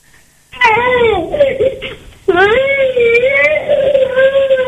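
High-pitched children's voices in two long, wavering bursts, loud, with a short pause between them and no clear words.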